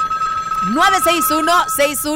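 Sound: telephone line ringing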